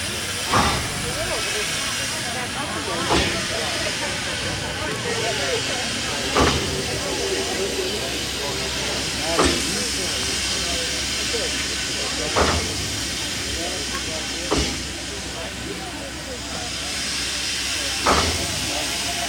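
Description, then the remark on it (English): The old Durango-to-Silverton steam train in Colorado, United States, hisses steadily at a station before its 9:45 departure, a loud continuous rush punctuated by sharp clanks roughly every three seconds, with indistinct voices murmuring in the background. “The idea was to take it to Durango, Colorado, the old train to Silverton.”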